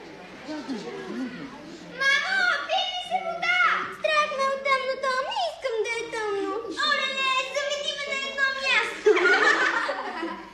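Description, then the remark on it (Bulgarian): A voice imitates an indignant theatre audience murmuring after being kept 15 minutes in a dark hall with the curtain not raised: about ten seconds of steady, wordless muttering and grumbling with wavering pitch and a few chuckle-like bursts, fairly loud throughout. “Винаги, когато представлението закъснее с 2-3 минути, публиката шуми по този начин.”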